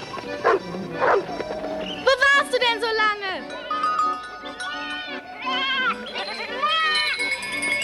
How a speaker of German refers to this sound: Großvater, sind es unsere Ziegen? Haben die beiden auch einen Namen?